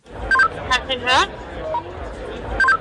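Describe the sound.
Short electronic radio beeps and a rising chirp from a walkie-talkie, held in a woman's right hand as she speaks into it, cut through a steady murmur of crowd chatter at the Sticks and Stones job fair for queer people, with a final pair of beeps at the end.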